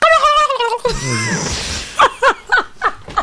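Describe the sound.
Someone imitates a turkey gobbling as a suggested replacement for a bicycle bell, starting with a warbling, wavering tone, then a breathy stretch, then a quick string of about five throaty, bouncing bursts, fairly loud.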